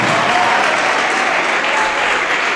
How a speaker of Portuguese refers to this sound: E está chegando mais, está chegando mais. Olha que maravilha. Está chegando mais, vamos aplaudir. Está chegando mais.